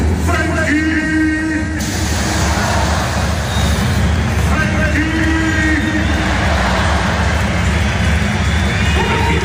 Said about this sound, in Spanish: Escuchamos esos pitos a Frenkie de Jong.